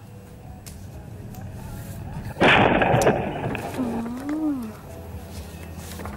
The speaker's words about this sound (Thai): คลิปจากกล้องหน้ารถนะคะบันทึกเหตุการณ์ชัดเจนนะคะชนปังนี่เป็นสี่แยกไฟแดงนะคะที่บริเวณถนนเทพประสิทธิ์ที่บางละมุงชลบุรีแล้วเราจะเห็นนาทีที่รถที่ผู้หญิงคนนี้ขับมานะคะ